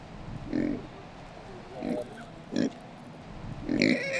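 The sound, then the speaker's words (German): Several short, low grunts from Kunekune pigs come at irregular intervals, a few snorty bursts, with a quiet rustling background between them. “dann schneiden wir ein bisschen Futter für unsere Kuhne-Kuhne-Schweine”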